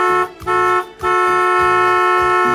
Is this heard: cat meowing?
no